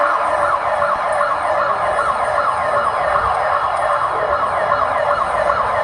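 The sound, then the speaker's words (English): Emergency sirens blare continuously and loudly in a residential area in Bogota, Colombia, after a magnitude 7.4 earthquake, several wailing tones overlapping in a steady rising-and-falling pattern, with faint traffic rumble underneath and no voices. “Sirens blare in a residential area in Bogota.”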